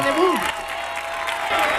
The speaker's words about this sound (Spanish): Maravilla, un aplauso maravilla. Fuerte, fuerte, fuerte. Atronadora la ovación.